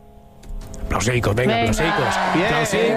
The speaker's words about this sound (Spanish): Aplausos, porfa.